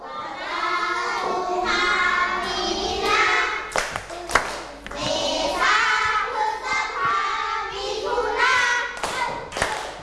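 A group of children clap their hands for a classmate who correctly ordered the twelve months, a burst of uneven, overlapping claps, with excited young voices chattering and calling out over the applause throughout.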